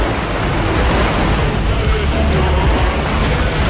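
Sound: ocean waves crashing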